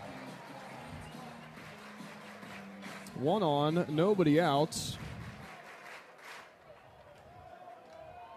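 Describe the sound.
Steady applause and crowd noise from West Virginia Mountaineer baseball fans during a game against Kentucky fill the background, a dense clattering wash that continues throughout while a man speaks briefly over it.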